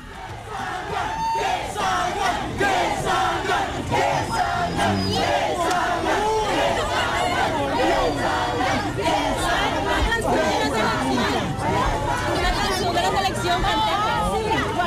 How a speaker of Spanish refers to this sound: Bueno, gritaba la gente que salgan, pero no salió absolutamente nadie